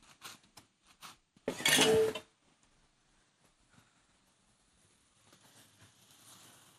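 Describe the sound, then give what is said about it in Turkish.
A few light metallic clinks, then a loud scraping burst of a utensil stirring rice in a cooking pot, fading into soft rustling and quiet kitchen noise. “Birazcık bunu da kavuralım mı tencerenin yok, içerisinde? Yok yok. Ben bir çevireceğim zaten, yetecek o ona.”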